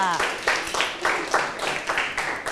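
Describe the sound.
In a classroom, students clap for a classmate from group 5 who has just given an opinion, a steady run of bright, crisp hand claps lasting a couple of seconds, after a short voice at the very start.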